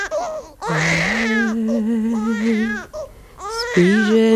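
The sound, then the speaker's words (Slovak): A baby, the infant son of Chatam Sofer, cries with loud, strained wails in two long bursts separated by a brief catch of breath, with rising and falling pitch. “No tak mu ju zaspievaj, možno prestane plakať.”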